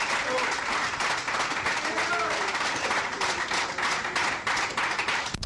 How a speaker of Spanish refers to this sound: ¡Fuerte aplauso al Señor, hermano! ¡Gloria a Dios!